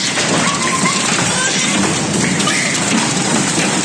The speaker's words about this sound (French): Tout commence par quelques impacts sur les vitres. Puis une pluie de grêle en seulement quelques secondes.